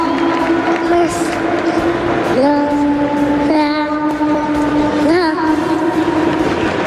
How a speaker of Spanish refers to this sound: Esos son los hijos de Dani Carvajal, los dos muy rubios, en el centro del campo del Bernabéu, con Dani Carvajal que está siendo aplaudido.